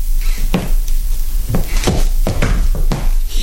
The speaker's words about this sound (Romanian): Auzi pași? Vine cineva pe schele, ia să fac.